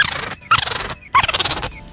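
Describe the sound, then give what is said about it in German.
A cat's sounds slowed down, as in a social media trend: three drawn-out, warbling cries in quick succession, low and growly with a strange whinnying, demonic-laugh-like quality, separated by short gaps and fairly loud with no talking. “Leute verlangsamen die Geräusche ihrer Katze.”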